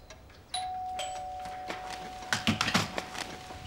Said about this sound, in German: es hat geklingelt.